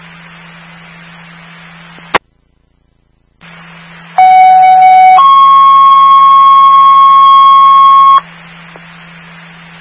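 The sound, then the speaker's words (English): A fire dispatch alert tone paging Station 20 to a fire alarm call: a loud, steady lower pitch for about a second, then a higher pitch held for three seconds, over radio static with a click and a brief dead gap before it. “I stand by for the tone.”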